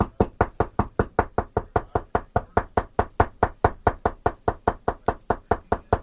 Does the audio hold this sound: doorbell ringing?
no